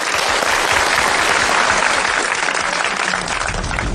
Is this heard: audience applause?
yes